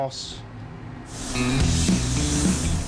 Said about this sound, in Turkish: Sprey tabancasını sürekli hareket ettirerek ve 3 kat püskürterek gerekli renk derinliğini elde ediyor.